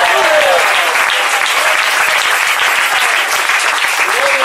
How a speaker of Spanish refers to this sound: Denle fuerte ese aplauso si es para él.